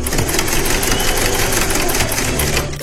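A sewing machine sewing clothes runs steadily for the whole stretch, a loud, dense mechanical whir with a rapid rattling stitch rhythm and no pauses, easing off only at the very end.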